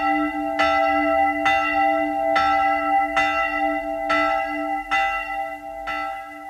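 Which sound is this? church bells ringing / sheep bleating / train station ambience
church bells ringing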